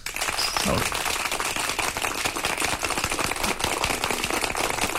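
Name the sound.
round of applause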